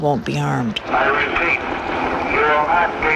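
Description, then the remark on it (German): A police helicopter drones steadily overhead during a prison riot while a distorted voice booms through a loudspeaker, repeatedly ordering people to surrender with raised hands; the amplified announcement is partly swallowed by the continuous rotor noise. “Und alles, was man währenddessen hört, ist ein Hubschrauber und eine Lautsprecherdurchsage, die immer wieder verkündet: Ergeben Sie sich mit erhobenen Händen, dann wird Ihnen nichts geschehen.”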